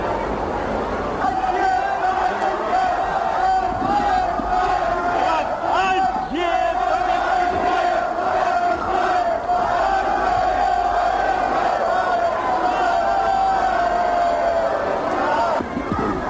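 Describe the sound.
A large crowd cheers and shouts continuously at the railway station in Ostrava, Czechoslovakia, where Soviet leader Leonid Brezhnev briefly stepped off his train, a dense roar of many voices with rising and falling chants, and a sustained tonal note running through the din.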